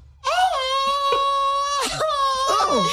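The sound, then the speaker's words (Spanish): A long, loud Mexican grito rings out, one sustained wavering yell that cracks and warbles in pitch near the end, with no talking over it. “Okay, va el grito.”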